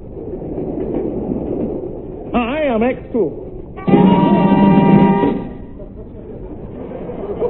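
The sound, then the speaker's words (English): A train for London rumbles steadily along the rails, broken midway by a wavering whistle and then a longer, louder horn-like blast before the low running noise carries on. “I'd hardly got on board the train for London when I had the uneasy feeling I was being watched.”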